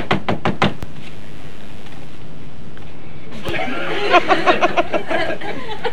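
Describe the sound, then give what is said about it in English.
A quick run of about five sharp knocks on a door, then a short pause before several voices start talking and chuckling together. “I'm going to knock at the door now.”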